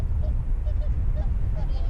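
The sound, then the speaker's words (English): Faint honking calls from a flock of migratory birds in the Pamir mountains in autumn, several short cries scattered across the moment, heard over a steady low wind-like rumble. “When the migratory birds leave, it will be winter soon.”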